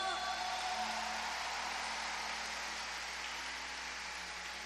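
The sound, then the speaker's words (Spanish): A concert audience applauds the Un Hombre Nuevo team with dense, steady clapping that holds at a fairly even loudness for several seconds, a continuous crackling wash with no individual claps standing out. “Un aplauso, Hombre Nuevo.”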